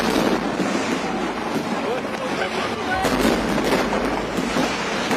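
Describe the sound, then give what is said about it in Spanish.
Rocket fireworks exploding in a loud, dense barrage of overlapping bangs and crackles, hundreds of explosions on all sides set off by a technician's error in launching the rockets; a continuous roar throughout that grows sharper and more intense in the second half. “Se cree que el error de un técnico que manejaba el lanzamiento de cohetes desató la guerra que culminó en cientos de explosiones por todos lados.”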